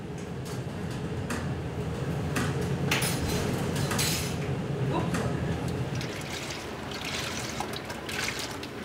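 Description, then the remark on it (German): Dishes and pots clatter and clink in the galley of the ship Bad Düben as lunch is prepared in 4-metre waves near the Dutch border, over a steady low rumble, with sharp metallic knocks scattered throughout and some running or trickling water. “In der Kombüse wird das Mittagessen vorbereitet, bei 4 Meter Welle.”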